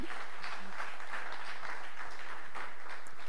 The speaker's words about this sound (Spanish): Le aplaudimos a Mari Sánchez